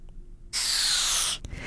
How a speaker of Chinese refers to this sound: 答案就是气球充气的声音。